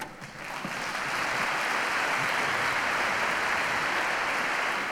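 An audience bursts into applause, a dense, steady wash of many hands clapping that swells within the first second and holds at full strength, with no voices over it.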